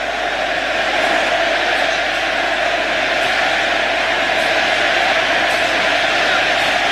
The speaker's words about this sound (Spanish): Infantino lo aplaude, el argentino lo ovaciona. Te amamos Lionel, te amamos Messi, te amamos.